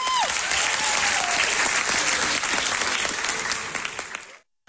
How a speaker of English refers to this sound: As the curtain closes on the cast's final local production before they ship off across the pond, their friends and family give them thunderous applause.